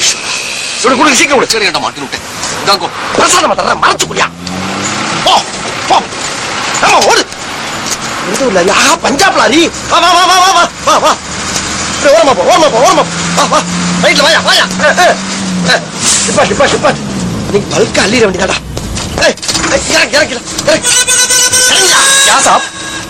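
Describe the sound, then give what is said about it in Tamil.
A lorry engine rumbles steadily in the background while several people talk loudly over it, the engine noise continuous throughout. “சிட்டிக்குள்ள லாரி வரப்படாது தெரியுமில்ல?”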